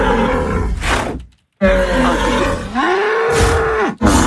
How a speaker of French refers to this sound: Le taureau, évidemment. Ouais, le taureau de Camargue.